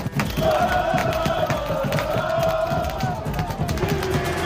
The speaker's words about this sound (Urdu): Morocco fans نے لگایا نعرے. بوسٹن کامن میں 1,000 سے زیادہ سمرتھک انڈو اور پلیئرز کے ساتھ جشن مناتے نظر.